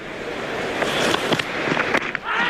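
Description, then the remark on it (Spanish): A cricket ball is bowled and the crowd applauds in the stands at a cricket match, a dense, steady crackle of clapping with a few sharper knocks standing out, easing briefly near the end before swelling again. “Así suena primero el lanzamiento de la bola.”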